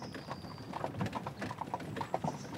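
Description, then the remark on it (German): Horse hooves clip-clop steadily as a horse-drawn cart carrying salt from Lüneburg rolls along the old Salt Road toward the trading station at Lübeck, the repeated knocks forming an even walking rhythm over a low, continuous rumble of wheels. “Anfangs wird das Salz noch mit dem Fuhrwerk auf der alten Salzstraße bis zur Handelsstation nach Lübeck gefahren.”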